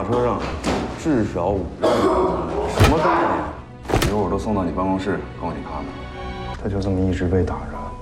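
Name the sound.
door being opened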